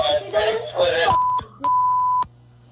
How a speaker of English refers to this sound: So this kid's screaming, again, we got to bleep it. This kid's screaming the N-word.